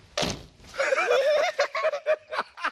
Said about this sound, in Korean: 자, 자, 한번 앉아볼게요. 야, 이거 봐. 아, 방석에 방귀 소리였네.